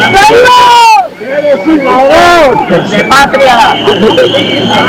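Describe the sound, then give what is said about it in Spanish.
A large crowd waiting for a parade to begin boos the president of the government loudly and continuously, many voices overlapping in long, wavering jeers, with individual shouts such as "thief" rising out of the din now and then. “Y abucheos desde la gente que está allí esperando a que comience el desfile, Marisol.”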